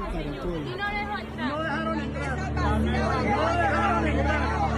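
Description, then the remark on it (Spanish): A dense crowd at the door of a consulate in Atlanta murmurs and chatters continuously, people who are not being let in to vote, many overlapping voices forming a steady hubbub with a low rumbling hum underneath, growing slightly louder partway through. “Escuche usted lo que está pasando en la puerta del consulado.”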